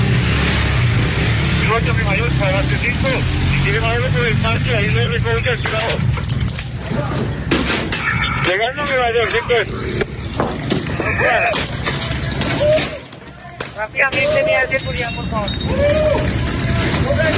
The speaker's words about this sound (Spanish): Piedras y palos, así recibían a la policía a estas mujeres que organizaban todo lo que pasa en la Estanzuela.